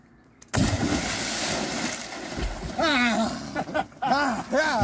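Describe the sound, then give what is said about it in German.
A sudden heavy splash as someone cannonballs into the water of a river side arm near the Altenwörth lock, at river kilometre 1978, opening the swimming season from an anchored boat, followed by sustained churning and sloshing, with excited voices calling out over the turbulent water. “und ich eröffnen die Badesaison. Arschbombe, okay!”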